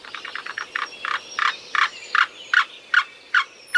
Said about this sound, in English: And here's the black-billed cuckoo.